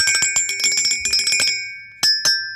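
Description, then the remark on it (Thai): A bicycle bell rings in a rapid burst of many quick dings for about a second and a half, then two more separate rings after a short pause, bright with no talking. “เฮ้ยยังไม่หมดสิมีทีมนักส่งเสียงอีกเดี๋ยววันนี้คุณกระดิ่งขอส่งเสียงคนแรกนะ”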